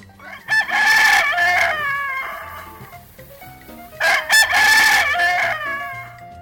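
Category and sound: bird, rooster crowing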